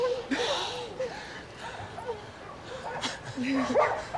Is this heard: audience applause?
no